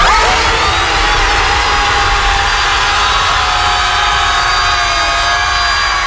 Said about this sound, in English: before the big group scream that you just heard there, they had a screaming contest